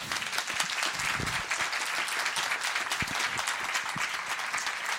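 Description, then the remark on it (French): Steady applause from an audience in the amphitheatre of the ISTP in Saint-Étienne, during a live broadcast for the 40th anniversary of RCF Saint-Étienne, dense overlapping claps filling the whole clip at an even, sustained loudness with no voices standing out. “Sous vos applaudissements, bah oui.”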